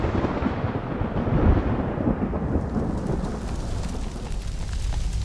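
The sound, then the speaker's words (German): A tropical thunderstorm in the dry season, with a deep, rolling rumble of thunder over steady, heavy rain; the low roar swells early, then eases into a continuous hiss of downpour. “Wenn sich in der Trockenzeit tropische Gewitter entladen, kommt es schnell zu verheerenden Bränden.”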